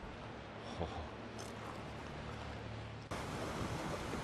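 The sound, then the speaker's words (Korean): A loud, steady roar of glacial meltwater from snow-capped mountains rushing at great speed down a gray canyon, continuous throughout with a slight jump in intensity near the end and no voices. “크아, 저 설산 눈녹음물이 이 협곡 따라서 엄청난 속도로 쏟아져 내려가고 있습니다.”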